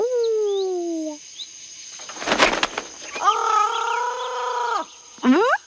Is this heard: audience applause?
no